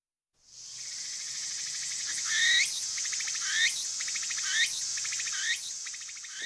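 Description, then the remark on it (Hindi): A Japanese daytime cricket of forests, gardens and orchards, found on cherry and persimmon trees, trills steadily in a high, buzzing drone, broken by about five brighter rising chirps at regular intervals; no voices. “वैसे खदीजा, बरेसगीर के जिंगरों की आवाज़ से कितनी मुख्तलिफ आवाज़ है.”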